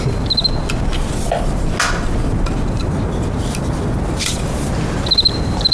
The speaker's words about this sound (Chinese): 我就对这感兴趣。嗯， 蛐蛐。哎，来，我看看。哎呀，这玩意好玩啊，那玩起来可着迷啊。